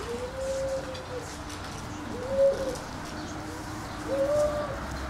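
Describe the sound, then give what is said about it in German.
A billy goat squeals three times, each cry a drawn-out, mid-pitched wavering tone with short pauses between, heard over a steady low background rumble. “Wer quiekt hier so? Der Ziegenbock.”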